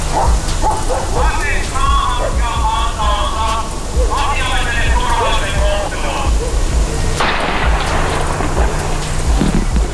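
A police dog barks and yelps excitedly in rapid, clustered bursts, loud, over a steady low rumble and background noise, with a sharper noisy burst near the end, as police send the dog at a man near the outer fuel pumps of a petrol station.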